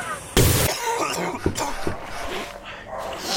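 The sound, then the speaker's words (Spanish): A single loud, harsh cough bursts out near the start, followed by a few softer throaty rasps and faint background noise. “Ay, tengo que hacer algo con esta tos.”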